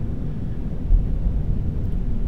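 A deep, steady rumble of stormy noise roars without pause, heavy low-end turbulence like wind and surging weather, with no voices and only a slight swell in loudness partway through.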